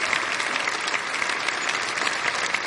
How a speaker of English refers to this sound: You know how hard it is to sound that good at 10 o'clock. Let's give him another clap.